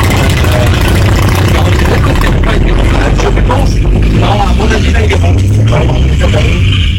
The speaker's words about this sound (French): Là, les motos sont parties. Et bon, est-ce qu'elles partent?